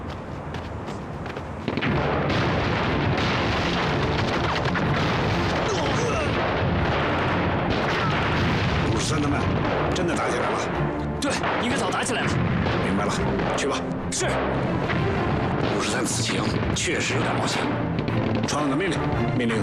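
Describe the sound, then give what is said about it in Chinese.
A loud, relentless battle din of bomb explosions and gunfire erupts after a brief quieter opening, with booms and crackling blasts piling up continuously and densely until the end. “来，爆炸弹， 得嘞。”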